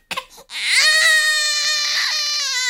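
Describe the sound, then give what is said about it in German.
A newborn baby cries, a few short hiccuping whimpers breaking into one long, loud, sustained wail with no one speaking. “Kaum ist das Baby auf der Welt, muss es zur ersten Reihenuntersuchung.”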